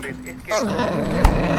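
A dog growls and grumbles in a low, drawn-out rumble that bends in pitch, with a sharp knock just before the end.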